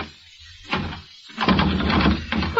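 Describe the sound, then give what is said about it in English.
A bolted door is tugged and its knob rattled: a short clunk, then a longer burst of jiggling and knocking, ending in a final sharp rattle, all fairly loud with no voices. “The door's bolted, you dope.”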